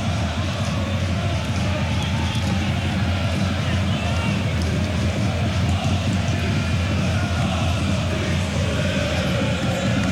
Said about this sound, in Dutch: Alles of niets scandeert het Bosse publiek.